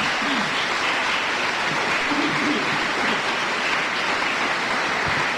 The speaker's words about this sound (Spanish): Denle un aplauso al Señor ahora.